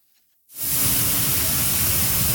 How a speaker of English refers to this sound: The sound of thousands of tons of Canadian durum wheat being loaded on a ship at the port of Churchill feeds renewed optimism about its future.